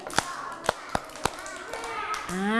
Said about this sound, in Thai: เด็กๆอยากฟังไหมคะถ้าอยากฟังปรบมือหนึ่งครั้งปรบมือสองครั้งปรบมือ5ครั้ง